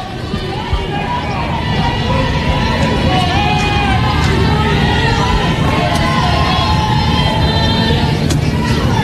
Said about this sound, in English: Here's the pitch. That one missed away also, and it's ball two. The crowd didn't like it. That looked like it was away.